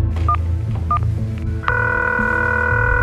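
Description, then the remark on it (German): A few short electronic keypad beeps as a woman dials her mobile phone, trying to reach her daughter, then a steady, continuous ringing tone takes over, over a low background hum with no voices; at a parking lot. “Immer wieder greift sie zu ihrem Handy und versucht, ihre Tochter zu erreichen.”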